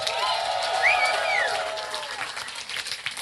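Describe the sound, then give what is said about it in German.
A large crowd at the Adieu Tristesse Festival claps steadily and cheers outdoors for the festival crew after a concert by a band, a dense wash of applause with a whistle-like shout rising above it, sustained throughout at a lively volume. “Und großer Applaus für die ganze Crew des Tristesse Festivals, die das Ganze hier möglich macht.”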